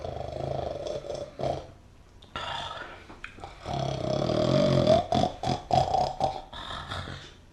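A man snores loudly in rough, rumbling, drawn-out snorts: a short bout, a brief pause, then a longer gravelly stretch with choppy, sputtering breaths. No one speaks.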